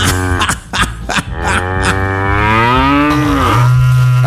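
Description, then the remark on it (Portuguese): A few quick knocks and rustles open, then a cow lets out one long, loud, drawn-out moo that wavers in pitch and holds until the end, played on the Canção Nova Sertanejo radio program at 5:04. “Agora sim, gente, é o meu berrando tocando às 5 horas, 4 minutos.”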